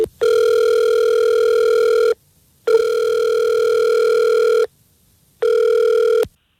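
An outgoing phone call rings: three long, steady buzzing ringback tones with brief silent gaps between them, loud and close, the last one cut short, with no one talking.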